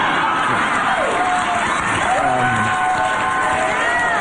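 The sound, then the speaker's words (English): A loud crowd cheers and whoops steadily, a dense wash of many voices with rising and falling shouts cutting through the roar throughout. “Listen to that crowd.”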